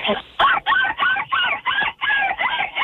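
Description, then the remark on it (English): A person imitates a seagull as an entry in a seagull calling contest, letting out a rapid string of about nine loud, nasal squawks, each call short and harsh with brief gaps between them. “Oh, I called in for a seagull calling contest, obviously.”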